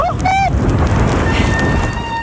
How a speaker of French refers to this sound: Ah, le joli son des freins.